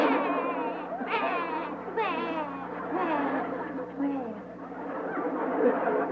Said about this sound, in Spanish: porque está llorando el chavo